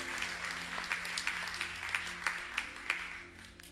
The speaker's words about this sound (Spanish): ¿Cómo estuvo ese aplauso? ¿Cómo?